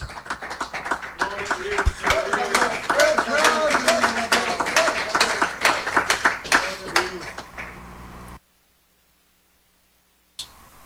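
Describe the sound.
An audience claps steadily for about eight seconds, giving a round of applause for Jesus, with voices calling out beneath the applause, then it falls abruptly silent.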